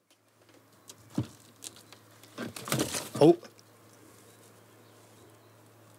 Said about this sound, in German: Sind alle drei Vögel sind noch drin, aber wie man vielleicht eben schon gehört hat, sind die ausflugbereit. Hier nisten Dohlen statt Schleiereulen.